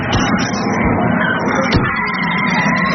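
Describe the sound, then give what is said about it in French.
Steady, loud city traffic noise with cars rumbling past, a continuous dense wash of engine and road sound with a brief louder whoosh near the middle. “Et ensuite, on arrive en ville. Faites attention aux voitures, ne vous faites pas écraser.”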